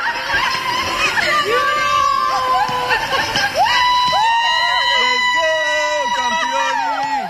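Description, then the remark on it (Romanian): At Henri Coandă airport, several actors from the cast of the film Eu Contez scream and cheer joyfully as they welcome actress Alina Șerban with flowers. High overlapping shrieks and whoops rise and fall continuously, loud throughout, with excited voices mixed in. “Alina Șerban a fost așteptată pe aeroportul Henri Coandă cu flori și urlete de bucurie de câțiva dintre actorii care fac parte din distribuția filmului Eu Contez.”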